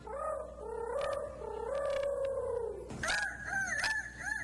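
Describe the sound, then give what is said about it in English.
A loud, drawn-out rooster crow lasting a few seconds, a human voice imitating it, the grand champion of the 2026 youth rooster crowing contest at the Iowa State Fair, followed by a sharp thump and a series of shorter, higher wavering calls. “Your grand champion 2026 Youth Rooster Crowing Champ.”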